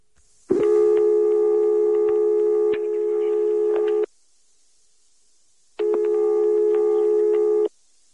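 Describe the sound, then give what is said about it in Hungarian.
A telephone line tone on a call dialed to a number hoped to be that of Csánki Miklós's flat in Szampoló: two long, steady electronic buzzes, about three and a half seconds and two seconds, separated by a silent pause. Loud, with no voices. “Reméltük, hogy ez a telefonszám Csánki Miklós szampolói lakásának telefonszáma.”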